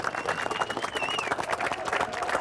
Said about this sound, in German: Jubel!